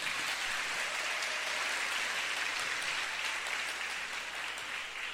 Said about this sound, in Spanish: Un saludo a todos ustedes en esta hermosa comunidad, a todos los que nos escuchan ahora mismo en directo a través de la emisora Minuto de Dios. Un aplauso para ellos.